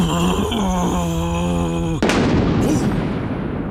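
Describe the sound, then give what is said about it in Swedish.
A low, droning rumble with a steady tonal hum is suddenly overtaken by a loud, crashing boom around the midpoint, followed by a sustained, roaring wash of noise like thunder rolling on. “Ut kommer istället ett dovt, dundrande ljud. Ett muller som växer sig högre och högre och högre.”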